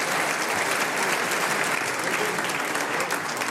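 A crowd applauds an 11-year-old harmonica player steadily, a dense wash of many hands clapping at an even, fairly loud level throughout, with no pause or build.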